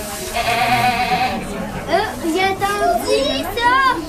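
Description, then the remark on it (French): Several goats bleat in quick succession, wavering, nasal cries overlapping one another, with murmuring voices and a busy outdoor crowd in the background. “Je suis venue voir les chèvres. J'aime les chèvres parce qu'ils sont vraiment trop mignons.”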